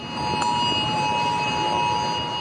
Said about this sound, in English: But many Australians say they didn't get the siren and alert message on their phones.